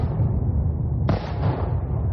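A deep, continuous rumble with a single sharp explosive blast about halfway through, its crack fading into the low roar that persists to the end, from a massive Russian missile attack on the Kyiv region of Ukraine during the night from Saturday to Sunday. No voices.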